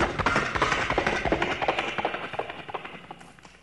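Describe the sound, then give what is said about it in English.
A performer of vocal sound effects imitates horses galloping with the voice: a rapid, steady run of clicking clip-clop beats, fairly loud, gradually softening toward the end, with no other talking. “I do vocal sound effects, vocal interpretations, sounds from right in my vocal box right here itself. The sounds such as horses galloping.”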